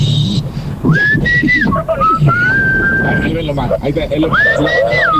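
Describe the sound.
A person whistles a short tune, holding long steady notes that step up and down in pitch, with murmuring voices and room noise underneath.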